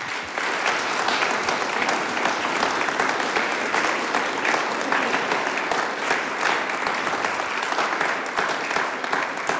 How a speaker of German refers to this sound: Und damit es nicht gar so trocken wird, kriegen die dabei einmal einen Applaus. Danke euch herzlich fürs Kommen.